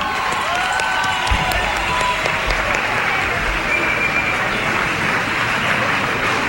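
A crowd claps steadily, a dense, sustained wash of applause that fills the whole stretch at even loudness, with a few faint whistles or cheers mixed in.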